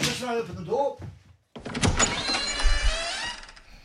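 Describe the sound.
A brief voice speaks, then after a short pause a door opens with a sustained mechanical whirring and creaking that runs for a couple of seconds, fairly loud.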